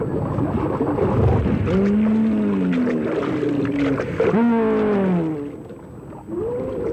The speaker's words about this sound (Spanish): Pero de repente, un Brachiosaurus branchii, que escondía bajo el agua la mayor parte de su cuerpo, apareció en la superficie del río.